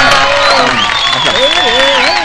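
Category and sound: crowd, applause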